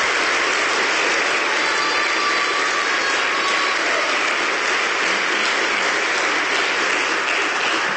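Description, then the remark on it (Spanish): Sustained applause from an audience for the young people who did interviews for a school book, a dense, steady wash of many hands clapping at an even loudness for the whole stretch, with no speech over it. “Un aplauso muy sincero a los jóvenes porque hicieron entrevistas muy buenas.”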